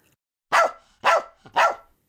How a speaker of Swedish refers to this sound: Plötsligt skäller en hund högt och gällt. Inte det också, stönar Sockerbella. Den där hunden är inte klok. Vilken hund, frågar Kalle. I samma stund dyker en hund upp utanför skyltfönstret. En liten vit pudel.